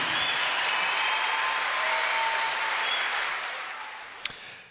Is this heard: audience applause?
yes